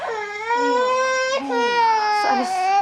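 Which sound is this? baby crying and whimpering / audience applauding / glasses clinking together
baby crying and whimpering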